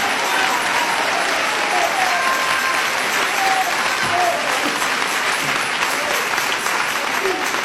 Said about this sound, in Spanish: Dele ese aplauso a Jesús, hermano. Dele ese aplauso al Cristo de la gloria.